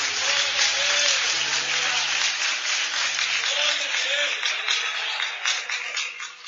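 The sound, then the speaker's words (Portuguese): An audience applauds the Lord Jesus in a steady, dense wash of clapping that holds loudly for several seconds, with faint voices and low sustained tones mixed underneath before it begins to thin. “Aplauda o Senhor Jesus.”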